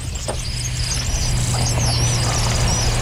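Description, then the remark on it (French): Thin, very high-pitched whistles from a kingfisher, faint and repeated as short piping streaks, sit over a loud, steady low engine-like hum that runs throughout. “C'est comme un sifflement très aigu.”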